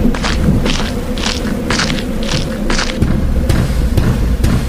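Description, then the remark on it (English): About six evenly spaced knocks on a door thump out over a steady low rumble, followed by a few sharper, scattered taps. “Who is that knocking at my door?”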